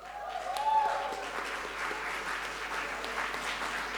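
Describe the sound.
Steady audience applause at a concert event, thanking the team member who organized it, a dense wash of many hands clapping that swells early and then holds at an even level, with faint voices and a brief cheer mixed in.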